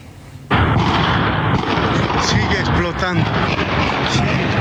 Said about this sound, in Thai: นี่เป็นภาพอีกมุมหนึ่งค่ะทำให้เห็นกลุ่มควันลอยฟุ้งกระจายทั่วบริเวณใกล้กับค่ายทหารที่เกิดเหตุระเบิดมีเสียงระเบิดดังขึ้นติดต่อกันหลายครั้งทางการโบลิเวียระบุว่าเหตุดังกล่าวนั้นเกิดขึ้นช่วงบ่ายเมื่อวานตามเวลาท้องถิ่นในบริเวณที่เคยใช้เป็นคลังเก็บสารเคมี